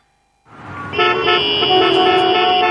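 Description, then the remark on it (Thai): Several car horns honk loudly and continuously over a dense rumble of idling traffic in a traffic jam on the drive to Korat, Thailand, the blaring tones overlapping and sustained after a sudden start. “เหนื่อยไหมขับรถไปโคราชทีไรต้องเจอกับรถติดจนล้า”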